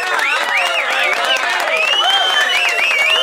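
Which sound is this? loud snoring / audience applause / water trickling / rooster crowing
audience applause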